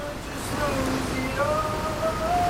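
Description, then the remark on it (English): A shower runs steadily, its broad, even hiss of falling water filling the space at a constant level, with faint thin tonal sounds drifting over it. “It's after shower running in this video, yeah, that noise. That's the water.”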